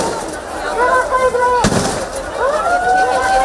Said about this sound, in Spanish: Estos sonidos de disparos no son del tiroteo de Málaga, sino disparos al aire de la policía durante el traslado ayer de 1.700 migrantes desde las playas del Trampolín y Benítez al campamento habilitado por el gobierno en el puerto de Ceuta.